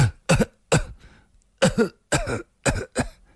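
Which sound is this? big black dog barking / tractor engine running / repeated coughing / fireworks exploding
repeated coughing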